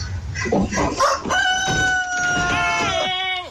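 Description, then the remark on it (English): A family's rooster on a South Carolina porch lets out a single loud crow as it approaches an Amazon delivery driver, a long drawn-out call that bends downward at the end, after a few short clucks and scuffling sounds. “Got terrified when the family's rooster approached him.”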